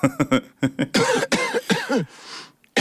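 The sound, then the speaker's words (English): A run of loud coughs: several short, quick hacks, then longer, harsher coughing fits, trailing off into a breathy rasp at the end. “We are gonna get a lot of cough.”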